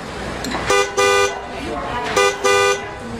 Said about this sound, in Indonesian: Waduh, keras sekali sih klaksonnya.